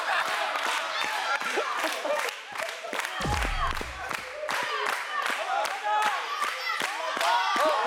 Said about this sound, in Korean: 와, 박수치기, 박수치기.